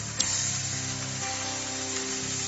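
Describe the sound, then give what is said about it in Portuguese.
Steady, dense applause from an audience clapping joyfully for Jesus, a continuous crackling wash of many hands clapping at once, with a faint sustained musical tone underneath and no voices. “Então batam palmas bem alegre para Jesus.”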